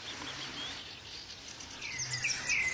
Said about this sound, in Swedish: De tidiga nattimmarna var det framför allt liv på måsar och trutar. Men sen vid 2:30, då kom den lilla silverklockan, rödhaken, mot en fond av måsfåglar.